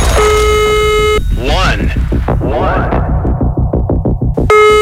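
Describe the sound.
A steady, buzzy telephone ringback tone sounds, then cuts out while a person talks over the line, and the next ring starts again at the end.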